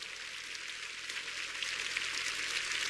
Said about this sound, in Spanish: Y para prueba, el ministerio del sembrador. Dale un fuerte aplauso a todos ellos. Dale ese fuerte aplauso a ellos.